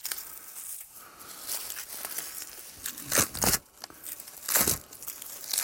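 White outer bark of a birch tree being peeled and torn off by hand, with a steady papery crinkling and crackling, broken by two louder ripping tears. No one speaks.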